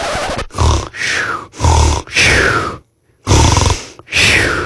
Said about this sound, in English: Oh, that was me snoring.